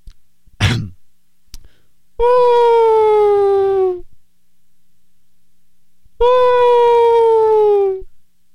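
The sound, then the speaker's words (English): A person imitates a whale call with two long, loud, mournful vocal moans, each about two seconds and sliding slightly downward in pitch, separated by a pause and preceded by a quick breath. “Okay, here's my whale impression.”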